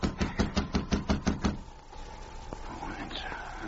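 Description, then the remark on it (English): A rapid, even series of about eight firm knocks on a wooden cabin door, lasting over a second before stopping and leaving a quiet, faint hum. “Then he knocked again.”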